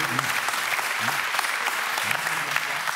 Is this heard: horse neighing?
no